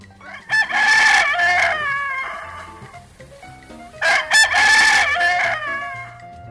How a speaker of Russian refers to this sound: Так начинается утро. Он уже привык, этот золотистый важный петух, подойти под самые окна общежития и прокричать свое доброе утро.